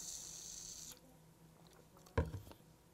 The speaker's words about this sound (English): Let me get a sip here.